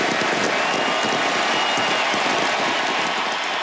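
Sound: stadium crowd applause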